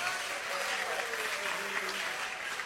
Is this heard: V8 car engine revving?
no